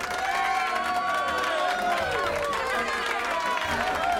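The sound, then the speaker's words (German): Audience applause for a stage performer stepping into the middle holds steady for about four seconds, blended with cheering and a mass of overlapping crowd voices at an even, fairly loud level. “Unglaublich, dass der immer so viel Applaus kriegt.”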